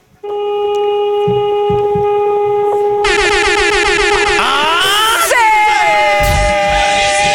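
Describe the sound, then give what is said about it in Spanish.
A loud vehicle horn blares in one long, unbroken honk lasting about seven seconds, with excited shouting and whooping voices joining over it partway through. “Vamos a pedirte, si eres tan amable, que nos regales un bocinazo. Pero muy largo, ¿va?”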